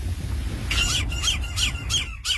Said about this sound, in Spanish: Están un poco gritonas tus gaviotas, pero bueno.